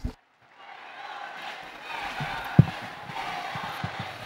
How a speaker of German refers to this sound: Ja, in diesem Moment, wie Sie am Applaus hören, hat sich der Vorhang geöffnet. Papst Leo steht am Fenster seines Arbeitszimmers und grüßt die Gläubigen.